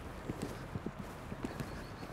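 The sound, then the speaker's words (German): A warmblood horse, an Altoldenburger bred for carriage driving, speeds up its gait, its hooves clip-clopping in a quick, uneven rhythm of soft thuds over a steady background hiss, moderately quiet, with no one speaking. “Jetzt mal so richtig auf Touren kommen. Gar nicht so leicht für ein Warmblut von diesem Kaliber.”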